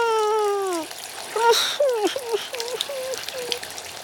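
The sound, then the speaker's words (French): Shower water at a swimming pool runs with a steady hiss throughout, before going into the pool, while a string of high, squeaky whining cries rises and falls over it. “À la douche, maintenant.”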